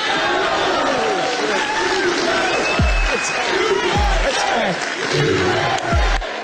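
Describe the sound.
A large rally crowd at the Election Crime Bureau Summit in Missouri, riled up by Steve Bannon on stage, roars and chants "USA! USA!" in unison, a dense wall of overlapping shouting voices with rhythmic low thumps, loud and sustained throughout.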